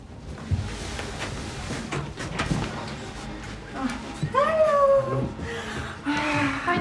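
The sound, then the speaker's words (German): A dog howls and whimpers in a few drawn-out, wavering whines that rise and fall, over a busy, muffled background. “Du schöner Hundi. Pfui, Blondi, pfui.”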